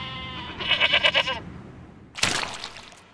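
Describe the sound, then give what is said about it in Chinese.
A Guizhou dwarf (short-legged) mountain goat, a breed unique to Guizhou, bleats on a mountain in Guizhou in a wavering, pulsing call lasting about a second, followed by a shorter, harsher bleat; both are clear with no talking. “食客们心心念念的羊，此刻正在贵州的山上，嚼着百草自由奔跑。这种贵州特有的矮脚山羊，羊肉拥有浓浓的青草香气。”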